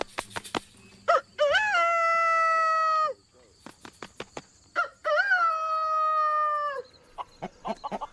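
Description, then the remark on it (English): A rooster crows twice, each call a long, loud harmonic cock-a-doodle-doo lasting about two seconds, with brief clucks and rustling clicks between the crows. “The rooster's main call is he makes a crow sound, which is...”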